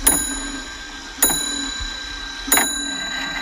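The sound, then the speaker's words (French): A colorful, animated cuckoo clock ticking, three sharp mechanical clicks spaced about a second and a quarter apart, each with a faint metallic ring that lingers, with no voices. “Mon œil est attiré vers un coucou qui est beaucoup plus coloré.”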